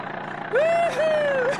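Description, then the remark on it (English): An old Ford Model T car engine runs with a steady, rough rumble while driving at about 20 miles an hour, and halfway through a loud, wavering horn blares twice in quick succession over it. “What do you think of her, Mabel? Ain't she a beauty? Ain't no car like the Model T.”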